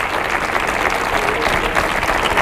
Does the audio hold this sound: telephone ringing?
no